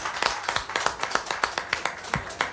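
Audience applause in a steady rhythm: a run of about ten sharp, bright claps spaced evenly, roughly three or four per second, moderately loud, with no voices.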